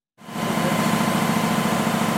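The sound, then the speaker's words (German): A new, expensive newspaper printing press at the Augsburger Allgemeine's newspaper printing plant runs with a steady, dense mechanical roar, a low rhythmic thrum underneath and broad hiss above, starting abruptly and holding constant with no voices. “Der Verlag hat in eine neue teure Druckmaschine investiert.”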